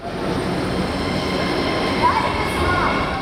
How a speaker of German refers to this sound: Es ist kurz vor 1 Uhr nachts in der Wiener U-Bahn-Station Volkstheater. Die letzten regulären Bahnen der Linie U3 verlassen die Station.